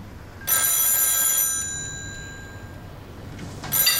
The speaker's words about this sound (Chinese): 电话响了，只有余舟会打过来。